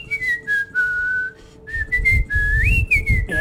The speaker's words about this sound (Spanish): A ver, ¿cómo es el silbidito?